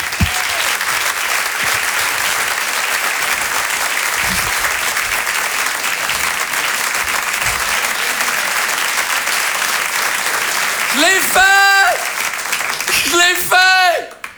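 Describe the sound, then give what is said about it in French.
Sustained audience applause for a performer being introduced, a dense steady wash of clapping that holds at full volume, with a few high whoops and cheers rising over it near the end. “Voici, je vous demande de l'applaudir très fort, s'il vous plaît”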